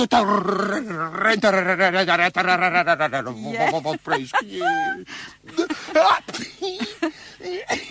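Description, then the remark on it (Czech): A voice imitates a dog in distress: a long wavering whimpering whine, then broken snorts, sniffles and short coughing bursts, fairly loud throughout. “Chudák. Smrká, frká, kaše.”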